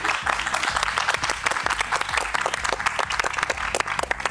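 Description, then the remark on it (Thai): An audience applauds steadily throughout for five guests, a family of three siblings and their parents, a dense wash of many hands clapping at a fairly loud, even level, with a faint low hum or music underneath. “ขอเสียงปรบมือให้กับทั้ง5ท่านด้วยนะครับ”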